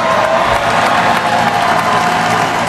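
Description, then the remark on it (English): A packed crowd of an estimated 2 million people cheers at the ticker tape parade in Lower Manhattan for the NBA champion New York Knicks. It is a loud, continuous roar, with clapping and whoops blending into a dense wall of noise that holds steady throughout, with no clear voice rising above it. “Finals MVP Jalen Brunson addresses the packed crowd.”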